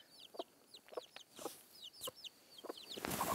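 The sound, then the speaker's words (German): A hen clucks in short, repeated bursts, with a few sharper squawks mixed in and chirpy bird calls overhead; no one speaks. “Au, du blöde Henne, du.”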